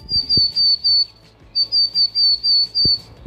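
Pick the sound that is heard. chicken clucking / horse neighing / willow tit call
willow tit call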